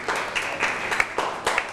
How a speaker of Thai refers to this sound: เก่งมาปรบมือให้กับเพื่อนหน่อยครับ